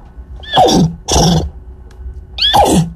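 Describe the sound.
During a BBC interview, a woman's voice imitates a horse whinnying three times in quick succession, each a loud, rising-then-falling squeal with breathy, nasal texture, clear with no other talking.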